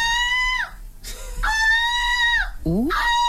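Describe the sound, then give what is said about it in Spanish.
A woman, a silver medalist at the European Seagull Screeching Championship, imitates seagull squawks with her voice: three loud, high, harmonic-rich calls, the first two long and sustained with falling ends, the last shorter and swooping upward. “Pues es el campeonato europeo de graznidos de gaviotas. Hay alguien que ha ganado la medalla de plata de este campeonato.”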